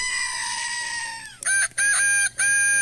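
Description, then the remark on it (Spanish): A long, drawn-out rooster crow sliding down at its end, followed by a goat's loud, wavering bleats in three quick bursts, all clear with no talking. “le mandamos un beso, una chivaloca y un gallo.”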